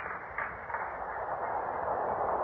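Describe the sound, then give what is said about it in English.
A subway train pulls into a station, a steady rushing rumble and hiss that swells slightly louder toward the end, with no voices. “The train's coming.”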